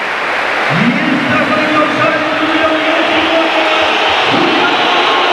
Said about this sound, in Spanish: El cambio, se va a retirar el hombre del gol. Se va a retirar Jonathan David. Esta es la ovación del Metropolitano.